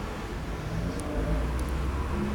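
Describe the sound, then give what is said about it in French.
A newspaper delivery scooter accelerates, its steady low engine hum swelling slightly midway as it passes, with continuous street traffic rumble underneath and no voices. “Un scooter de livreur de journaux.”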